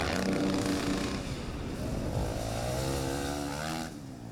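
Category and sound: vehicle, motorcycle engine revving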